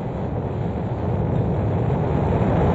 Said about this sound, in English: Ignition sequence start. Engines on. 5, 4, 3, 2, 1. All engines running. Launch commit. Liftoff. We have liftoff at 9:34 a.m. Eastern Daylight Time.